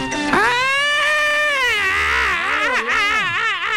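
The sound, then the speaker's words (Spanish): A shrill, continuous wailing alarm rises and falls in pitch with a quavering wobble, loud for nearly four seconds. Its tone sounds voice-like, as if someone is imitating the alarm. “No era llanto, era alarma estridente.”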